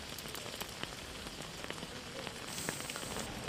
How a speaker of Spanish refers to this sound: que no está preparada para aguantar el agua de lluvia que le está cayendo en estos momentos.